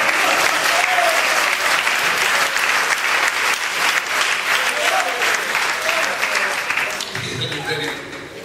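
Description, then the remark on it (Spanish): Loud, sustained applause from a church audience, offered to the Lord: dense rapid clapping filling the whole stretch, easing slightly toward the end with a faint voice and low murmur emerging. “Del fuerte aplauso al Señor.”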